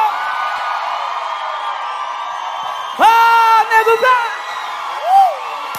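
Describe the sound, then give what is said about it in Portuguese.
A crowd's steady roar swells into loud cheering, with whoops and shouts bursting out for about a second before fading back into the background din. “Uma salva de palmas”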